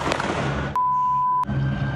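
Sharp gunshot cracks from a shooting recorded on video ring out, about three spaced bangs against a rough, noisy background, with a steady high electronic beep sounding between the last two shots.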